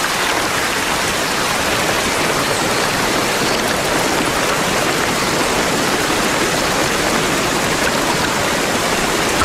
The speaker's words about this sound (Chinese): 森林上方，大雨如注，但落到层层叠叠的枝叶下面，就变成了小雨滴。